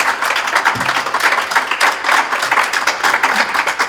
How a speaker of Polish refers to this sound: Nie chcę być złośliwy ani bądź zazdrosny, ale czy ty ostatnio w ogóle otrzymałeś takie oklaski gdziekolwiek?